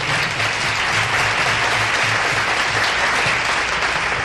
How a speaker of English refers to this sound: Thank you very much, ladies and gentlemen. We'd like to share that applause with our orchestra and our piano players.